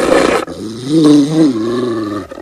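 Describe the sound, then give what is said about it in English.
A Rottweiler growls deeply and menacingly, a sustained rumbling snarl that rises and falls, opening with a short harsh burst of breathy noise, loud with no one talking, as it emerges from behind a kitchen counter with its lips pulled back to bare sharp white teeth. “a Rottweiler that emerges from behind the kitchen counter. Its pulled back lips reveal sharp white teeth.”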